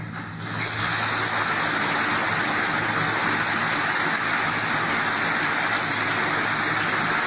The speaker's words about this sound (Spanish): Son los aplausos de sus partidarios, de sus invitados, ¿no? De sus familiares, de sus allegados, que han copado buena parte del recinto parlamentario.